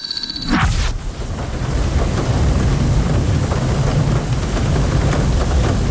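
Steady, heavy rain pours continuously after a brief electronic tone at the start, with a low rumbling undertone like thunder filling the background.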